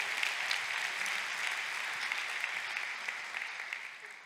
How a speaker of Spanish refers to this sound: Date otro aplauso ahora tú. Date un aplauso.